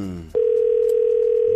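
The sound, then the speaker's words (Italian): A telephone tone comes in after a brief snatch of voice: one steady, unbroken mid-pitched hum held for more than a second at an even, fairly loud level. “A wona walla mohala.”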